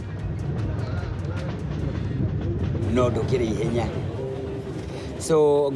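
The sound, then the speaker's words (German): A passenger train on the route to Nanyuki rumbles steadily along the rails, a continuous low roar with faint rhythmic clatter, while voices talk over it and a brief higher tonal sound rises near the end. “Ein Musiker, der gerne mit diesem Zug fährt.”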